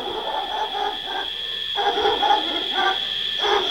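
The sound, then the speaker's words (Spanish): A dog barks far off in a few muffled bursts, set against a constant high-pitched chorus of night creatures that hums steadily throughout. “A lo lejos, un perro.”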